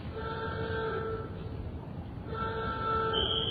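A loud alarm horn blares in two long, steady blasts separated by a short pause, its flat, buzzy tone sounding over a continuous low rumble. It is sounded as a warning before a blast, once everyone is out of the site and the circuits have been checked.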